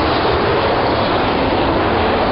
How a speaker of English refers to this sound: Not just the explosive roar of jets passing at speeds only a hair slower than sound.